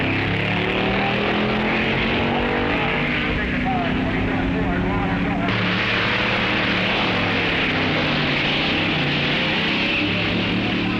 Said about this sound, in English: The first days of the meet are strenuous and exhausting. The track is in continuous use by contestants, making test runs in time trials. All classes participate, and crews make run after run, trying to get their cars in perfect tune.